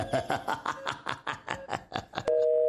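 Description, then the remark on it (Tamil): A quick series of rhythmic clattering pulses gives way to a click, then a steady, continuous telephone tone hums on alone after the call is cut off. “என்ன நர்ஸ் இப்போ உங்களை த்ரெட்டன் பண்ணுறானா அந்த ஃபோன் காலில்?”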